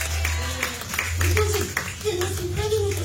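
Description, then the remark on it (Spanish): A church audience claps steadily in praise to God, many hands overlapping in a dense, continuous patter, with a low hum and faint voices underneath. “Denle una prenda de palmas, cuéntese a nuestro Dios, iglesia.”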